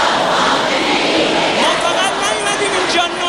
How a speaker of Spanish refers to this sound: Es el sonido de las miles de personas que han acudido a la gran mezquita de Mosalla en Teherán para despedir al dirigente. Durante la ceremonia se han escuchado gritos de venganza, mientras muchos asistentes se golpeaban el pecho en señal de duelo.